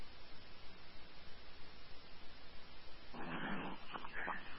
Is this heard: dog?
yes